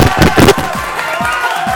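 An audience applauds and cheers for a singer: a loud, steady wash of dense clapping with scattered sharper claps, sustained evenly across the whole short burst.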